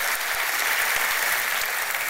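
A crowd applauds loudly and steadily in praise of the Lord, a dense wash of many hands clapping at once with no voices standing out.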